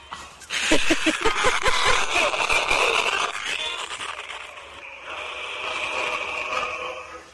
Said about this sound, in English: What are you listening to? That's static.